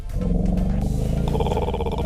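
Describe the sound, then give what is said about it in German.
Elephants rumble in a deep, continuous, throaty drone that stays loud for about two seconds, with a brighter, higher-pitched layer joining partway through. No voices are present. “Hier, so brummen die Elefanten.”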